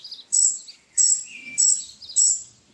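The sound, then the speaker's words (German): A robin chick chirps four times in a steady rhythm from a nest in a tree by a garden fence, each call a high, thin, insistent peep, clear with quiet gaps between and no voices. “Aha, ein Rotkehlchennest. Dachte ich's mir doch. Oh, da sitzt ein Vogeljunges darin.”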